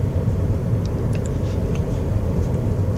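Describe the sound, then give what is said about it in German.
A steady low engine and road rumble fills the cabin of a moving car driving through small villages in the Médoc around 1 pm on 21 October 2016, under a clear blue sky, sunny and 13 degrees, with faint high ticks and chirps over the constant drone; no one speaks. “Ich fahre durch viele kleine Dörfer, alte Häuser, Natursteinmauern, von denen der Putz abgebröckelt ist.”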